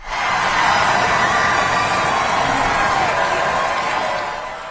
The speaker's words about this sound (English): The crowd cheered as he traveled a 2-kilometer route along the iconic avenue and around the Arc de Triomphe in his Pope-mobile.